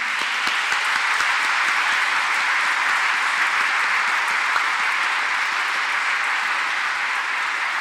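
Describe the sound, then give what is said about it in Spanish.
An audience at the end of a Mass applauds the dads steadily for several seconds, the dense clapping at an even, sustained loudness with no voices over it. “Un aplauso a los papás en este día.”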